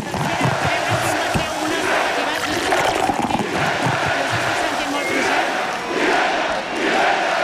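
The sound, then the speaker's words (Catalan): A large crowd at the foot of the square shouts the chant "vella, vella, vella" at the Colla Joves' 4 de 9 net human tower (castell), many voices roaring together in loud, rhythmic bursts that hold steady for the whole stretch. “Aixordador, el crit de vella, vella, vella, a peu de plaça, les camises rosades que tornen al cop de la colla Joves en forma de 4 de 9 net.”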